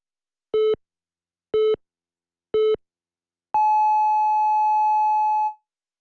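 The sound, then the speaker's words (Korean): A radio hourly time signal on the Korean news channel YTN News FM (FM 94.5 MHz) marking 7 o'clock: three short, evenly spaced lower-pitched beeps a second apart, followed by one long, higher-pitched tone held for about two seconds. Clear and loud, no voices. “HLQV All About News YTN News FM 한국의 뉴스 채널 YTN 뉴스 FM에서 7시를 알려드립니다.”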